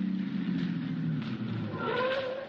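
A car engine hums steadily, its low drone dropping in pitch as the car pulls over to a stop, with faint road noise and tire rumble underneath.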